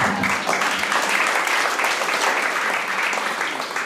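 An audience gives itself applause, clapping steadily for about four seconds, a dense, even wash of many hands with no voices rising above it.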